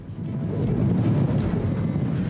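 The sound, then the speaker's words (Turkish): Strong wind roars steadily in a low, continuous rumble, buffeting with faint gusty surges and no voices, during a wind simulation inside an airplane. “Hayır, rüzgara giriyor.”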